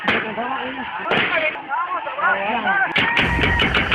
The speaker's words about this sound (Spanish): A las 3 de la tarde, el ejército arremetió contra población desarmada con disparos, lo que ocasionó la muerte de 7 personas e hirió a 34 más.